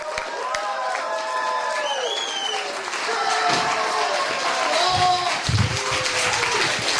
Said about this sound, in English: Please give a big, loud, huge round of applause for our headlining comic